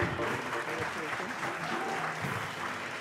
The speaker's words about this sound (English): Americano, Mumbai. You round of applause. A huge round of applause for our winners.